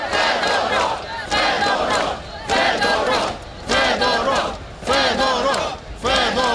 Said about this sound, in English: Crowds of mainly young people who gathered in the capital Kiev for a second night and elsewhere in the country, they were chanting the minister's name.